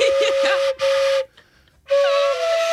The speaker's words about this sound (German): Mach mal einen Ton. Bin gespannt. Es klingt schon wie eine Querflöte, oder? Klingt auch ein bisschen wie eine Eisenbahn.